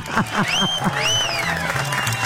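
A short burst of audience applause on the radio station Éxitos de Cristal 103.7. It is a steady crackle of clapping with rising and falling whistles over it and a few rhythmic low vocal whoops, lasting about two seconds at an even volume.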